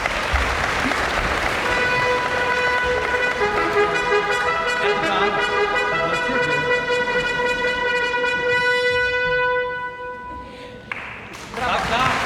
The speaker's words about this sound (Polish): To była fanfara dla Edgara.